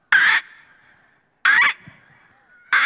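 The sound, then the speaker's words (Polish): A contestant in the final of a bird-imitation championship imitates a grey heron's call: three loud, harsh, raspy croaks, each short and abrupt, spaced evenly about a second apart, with the last one cut off, and no talking. “Wybrałem czaplę siwą.”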